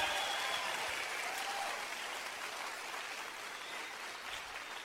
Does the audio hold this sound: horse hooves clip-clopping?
no